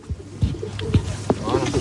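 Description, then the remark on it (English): Trained military pigeons coo in a series of low, throaty, rolling calls, three or four soft burbling pulses over a faint background murmur. “I'm their sports coach, a bit like the French football manager Didier Deschamps, but for military pigeons”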